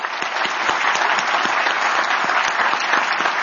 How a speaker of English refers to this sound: I want to thank, if we could, give another round of applause for Assistant Secretary Basler.